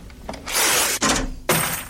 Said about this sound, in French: une chanson mythique qui commence par des bruits un peu bizarres, qui sont faits par des pièces qui ont été percées, qui sont jetées par terre, la fameuse caisse enregistreuse, la ligne de basse,